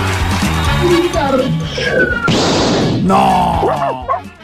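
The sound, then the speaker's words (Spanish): A person imitates a cat's meow with drawn-out, gliding vocal tones, loud, amid a noisy, cluttered background that includes a brief harsh burst of crashing noise midway. “Miau.”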